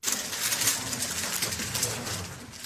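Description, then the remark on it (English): A Rubik's Cube being speed-solved by a 6-year-old girl from China in just over 4 seconds: a dense, continuous flurry of quick plastic clicks and clacks, steady for a few seconds, with no voices. “That is the clicking sound of a Rubik's Cube being speedily solved by a 6-year-old.”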